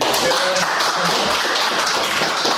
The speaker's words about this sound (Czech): On i kouč si tak po příchodu na tiskovou konferenci užívali potlesk od přítomných novinářů.